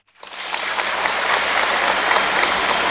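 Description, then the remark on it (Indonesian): An audience breaks into applause for the Danrem 011 Lilawangsa commander, General Ali Amran; it swells within a fraction of a second and then holds as steady, dense clapping with no voices standing out. “Tepuk tangan.”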